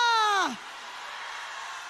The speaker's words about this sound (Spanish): Hay alguien aquí que recuerda de dónde Dios lo sacó. Entonces grite un aleluya.